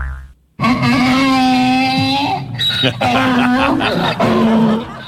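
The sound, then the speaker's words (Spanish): A donkey brays loudly in a long, harsh, strained call, followed by several shorter rasping bursts with shifting pitch, lasting about four seconds in total. “Oh, espantaste al burro aquí, hombre.”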